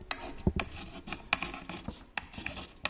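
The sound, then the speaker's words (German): A slate pencil writes letters on a small dark square slate tablet in short, irregular gritty strokes, fairly quiet, with sharper squeaky bursts now and then and no voices. “So ein dunkler, viereckiger Stein, ne? Wir haben auch keinen Stift, wir haben so einen Griffel.”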